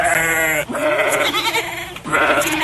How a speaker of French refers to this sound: Et il y a aussi les moutons.